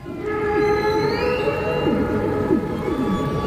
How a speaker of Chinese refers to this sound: 雄性座头鲸头朝下倒立着唱歌，其中原因我们不得而知。鲸的歌声复杂多变，构成它们多样的行为模式的一部分，其中有音乐的元素，也有语言的成分，但彼此间传递的真正含义，人类还不能完全理解。